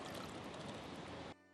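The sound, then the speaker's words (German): Water splashes and gushes steadily into a shallow bird bath on a rooftop garden as it is refilled, a dense rushing pour that cuts off abruptly after about a second and a half, leaving a faint hum. “Regelmäßig füllt er das Wasser nach.”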